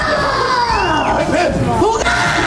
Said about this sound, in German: Ja, und jetzt hatten wir sogar 91 Dezibel beim Kreischen.